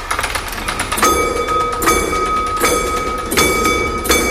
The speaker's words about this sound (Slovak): Kým padne závora, tak my sa presunieme do ďalšej časti vašej expozície.